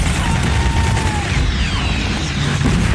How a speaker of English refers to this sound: These narrow streets, the barricades, gunfire and smoke. They're shooting RPGs.